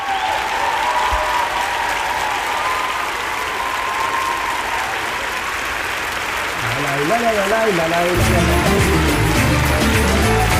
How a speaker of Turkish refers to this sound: Güzel alkışlarla gönderiyorum sana.